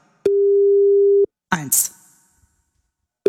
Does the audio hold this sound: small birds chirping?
no